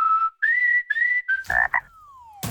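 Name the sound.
frog croaking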